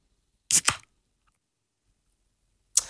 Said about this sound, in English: As I crack a can into the microphone here, you tell me if it is beer or soft drink.